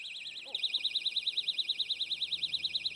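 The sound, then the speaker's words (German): A personal safety alarm wails piercingly in a rapid, continuous electronic warble, rising and falling many times per second, loud, after a brief moment of quieter sound at the start. “Ist der lauteste Alarm automatisch der beste?”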